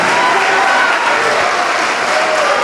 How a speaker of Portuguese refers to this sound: Vem, olha, estão chegando, vamos aplaudir mais.